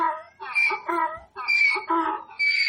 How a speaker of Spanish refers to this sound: es un burro, un poco raro